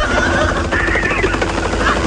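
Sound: helicopter rotor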